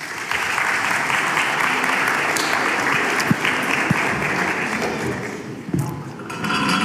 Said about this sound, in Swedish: Yes, så vi ger dem en varm applåd.